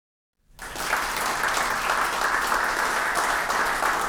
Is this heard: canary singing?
no